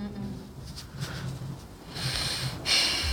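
Heavy, loud breathing at a vocal audition before a panel of judges: rough, airy exhales and snort-like huffs that swell into a long hissing breath near the end, with a low murmur of voices underneath.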